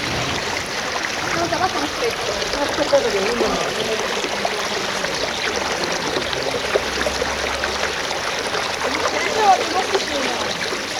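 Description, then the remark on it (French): The clear Alcantara river rushes steadily out of a narrow gorge and down from the mountain, a continuous hiss and burble of flowing water that holds an even, fairly loud level from start to finish. “Ici, une rivière très claire sort d'une gorge étroite et débouche de la montagne.”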